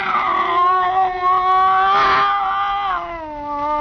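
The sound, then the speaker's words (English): A scrawny cat named Clara, back arched and every hair on end as it faces a Bushmaster snake by a stove, yowls in one long, drawn-out wavering cry that swells in the middle and bends in pitch, loud, with no talking. “It was a cat.”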